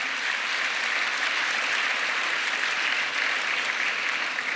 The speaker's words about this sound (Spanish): Dale un aplauso al Señor, en el nombre de Jesús.